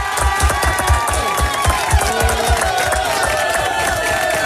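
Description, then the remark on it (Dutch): A loud, sustained burst of audience applause for a singer, with cheering and whistles, dense clapping steady throughout. “Nog één keer applaus.”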